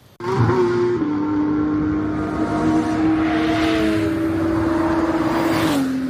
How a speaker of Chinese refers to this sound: 2025年10月19日，北京亦庄通明湖畔引擎轰鸣。